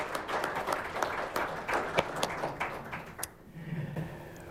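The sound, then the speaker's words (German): Audience applause for guest Meta Schamal, a dense patter of clapping from many people that carries on steadily for a few seconds before thinning out toward the end. “Herzlichen Applaus für Meta Schamal.”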